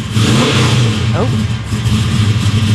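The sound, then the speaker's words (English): An old jalopy car's engine runs loud with a steady, throaty rumble that swells slightly as it's given a little gas, continuing throughout with no pause. “Give it a little gas. Little gas. Little gas.”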